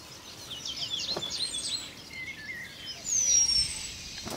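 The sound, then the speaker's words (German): A male penduline tit sings thin, high-pitched notes, calling females to come and inspect its nest: quick clusters of faint chirps early on, then a long, drawn-out whistle near the end, over a steady soft background hiss. No voices. “Zwischendurch singt der Meisenmann Weibchen herbei, die das Nest inspizieren sollen.”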